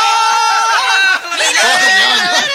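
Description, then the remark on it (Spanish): Several goats bleat loudly, their wavering, overlapping cries filling the whole moment with a dense, continuous chorus. “Entonces, señores, las cabras se fueron.”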